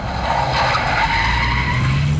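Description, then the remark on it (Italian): A taxi brakes hard and its tires skid with a loud, sustained screech over a low engine rumble, lasting a couple of seconds with no talking. “Provaci, dai, provaci, ferma la macchina, tassinaro.”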